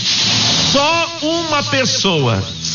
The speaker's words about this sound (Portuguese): Ó, a panela tá no fogo, ó.